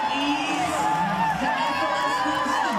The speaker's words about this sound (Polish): Krzyki i owacje wybuchły, gdy reprezentująca Australię